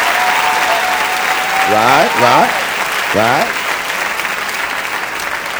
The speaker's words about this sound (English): I just celebrated my 42nd birthday. Clap for me.